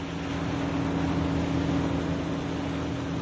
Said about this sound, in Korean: 고깃배들이 너울을 타고 위태롭게 항해 중입니다. 강한 바람에 배가 흔들리고 세찬 파도가 물보라를 일으키며 쉼없이 쏟아지는데요.